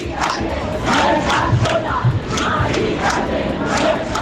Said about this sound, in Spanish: Gritos que recorrían los 600 metros que separan la Puerta del Sol de la carrera de San Jerónimo.